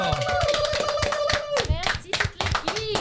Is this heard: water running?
no